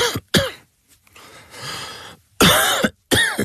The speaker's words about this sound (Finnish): Hei, älä suotta köhi. Ota Gellorevoice.